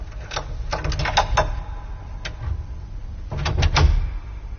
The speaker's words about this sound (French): je sors de ma poche le même crochet et le glisse dans la serrure de la première petite porte.